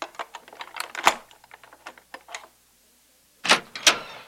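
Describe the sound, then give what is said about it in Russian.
A key rattles and scrapes in a door lock in a quick run of small metallic clicks, then after a short pause two louder clacks as the lock turns and the door is unlocked. No one speaks. “Ни у кого больше нет ключа.”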